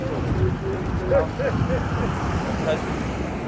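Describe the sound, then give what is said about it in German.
Busy rush-hour street traffic in Mutare, Zimbabwe: a dense, continuous rumble of countless cars and minibuses, with a few brief higher-pitched tones cutting through and indistinct voices mixed into the noise. “Es herrscht Feierabendverkehr. Unzählige Autos und Minibusse sind auf den Straßen.”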